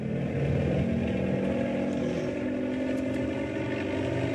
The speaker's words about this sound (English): If the copter vibrates a lot, don't think it's falling apart. I'm going to have to rev it up for better stability. Here we go.